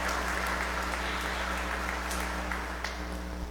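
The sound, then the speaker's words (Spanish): An audience at Mass claps steadily and densely in thanksgiving for a woman's 85th birthday, a continuous wash of many hands with a few sharper claps standing out, sustained at an even loudness throughout without any voices. “Felicidades, regalémosle un fuerte aplauso, bendiciones.”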